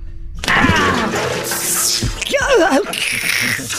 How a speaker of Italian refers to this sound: Adesso ci penso io, con la secchiata d'acqua.